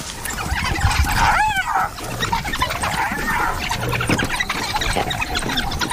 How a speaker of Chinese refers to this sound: 他们把它围住了， 这只斑鬣狗被逼入了绝境。面对大约十只非洲野犬的围攻，它几乎没有胜算。